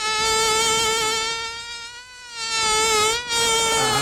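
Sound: mosquito buzzing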